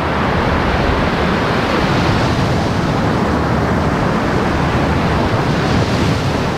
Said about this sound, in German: Auch schon hier das Meer rauschen, die Wellen. Das ist sicher eine der schönsten Strände auch hier. Ja, also ich würde sagen, es gibt viele schöne Strände, aber der Usedomer Strand mit der Feinkörnigkeit, mit der Breite